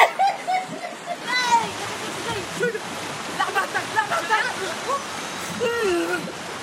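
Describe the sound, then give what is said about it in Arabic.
Continuous rushing water with splashes, like a stream or small waterfall, steady throughout, with people talking over it intermittently. “شو حلو الموجة؟”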